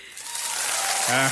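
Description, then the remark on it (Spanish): A steady wash of crowd applause played as a sound effect, dense and fairly loud throughout, with a brief voice cutting in near the end. “No, todo el mes de aplausos, dale.”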